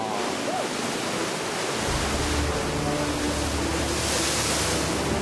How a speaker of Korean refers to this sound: 검게 굳은 용암과 푸른 바다, 그리고 하얀 파도. 자연이 빚어낸 절묘한 작품 앞에 있습니다.